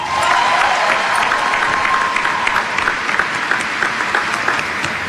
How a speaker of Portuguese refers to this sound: À medida que cada um se apresentar, você pode acolhê-los também com uma salva de palmas.